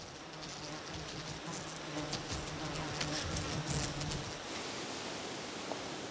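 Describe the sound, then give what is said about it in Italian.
Flies buzz for about four seconds around seasoned fillets being covered, a low droning hum that wavers in pitch as they circle, then fades out, leaving only a soft background hiss. “una dose generosa di fafarù per insaporire i filetti e si copre per tener fuori le mosche.”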